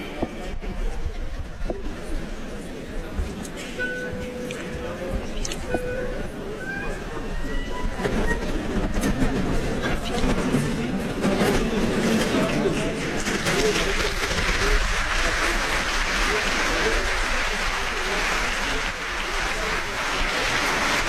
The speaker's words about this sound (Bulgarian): Публиката в залата е взела своите места. Ето това са аплодисментите за концертмайстора.